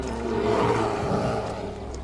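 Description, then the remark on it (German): A deep, rough deer call rings out in the woods, a single sustained roaring bellow of about two seconds, fairly loud, with no voices around it. “Ist bestimmt nur ein Reh.”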